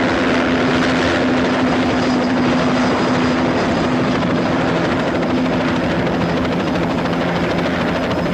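A helicopter roars steadily and loudly as it flies past a window, its dense rotor and engine noise filling the whole stretch with a constant droning hum and no voices.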